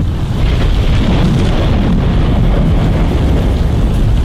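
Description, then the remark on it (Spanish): A thunderstorm sound effect: a loud, continuous low rumble of thunder with a dense hiss like rain and wind layered over it, holding steady without pause and with no voices. “Tormenta eléctrica, pues viejo, así va a estar más fuerte, con trueno, rayo, centella.”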